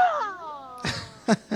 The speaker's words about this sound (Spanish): ¿Qué le parece ese grito, mi hermano?